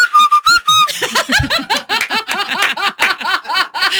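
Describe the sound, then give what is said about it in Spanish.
A loud, shrill finger whistle sounds in a few quick bursts, then gives way to a stretch of rhythmic, breathy laughter from several people. “Sé chiflar, eso sí, con los dedos.”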